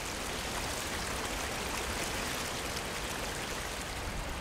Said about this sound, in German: Der Veliki Slap, der große Wasserfall. Über 78 Meter fällt das Flüsschen Plitvica in den Canyon, den sich das Wasser gegraben hat.